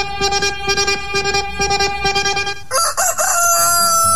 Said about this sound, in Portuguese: Ele estava dormindo, mas acordou também o nosso galo cantador aí, que dá a hora certa para você, agora pontualmente 5 horas e 1 minuto.